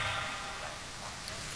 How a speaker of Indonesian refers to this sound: Kok pelan-pelan tepuk tangannya? Tepuk tangan yang keras.